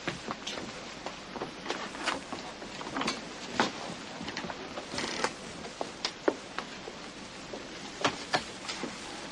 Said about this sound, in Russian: Ну, дождь не на шутку разошелся. Ничего, он ведь сейчас очень нужен. Да, конечно, дождь нужен.